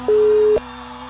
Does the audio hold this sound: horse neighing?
no